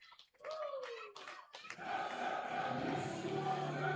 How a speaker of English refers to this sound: Well, that'll only intensify the cheers in the crowd. The anticipation builds of one final home victory.